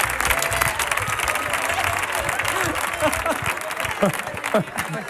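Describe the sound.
Steady, dense audience applause fills the whole stretch at an even loudness, with a few voices calling out over the clapping toward the end.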